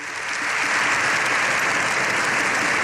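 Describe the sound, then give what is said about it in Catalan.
Sustained, dense applause from a large crowd in Spain's Congress of Deputies, an ovation for Pope Leo XIV at the end of his speech there, lasting up to seven minutes; loud and steady throughout after a quick swell at the start, with no voices standing out. “Així, Lleó XIV ha rebut una ovació de fins a 7 minuts al final de la seva intervenció,”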